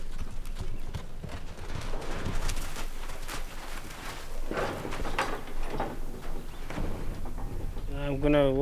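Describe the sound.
A horse's hooves clip-clop in an irregular rhythm, with shuffling and thuds, and a brief harmonic whinny-like sound near the end; a voice speaks faintly in the background.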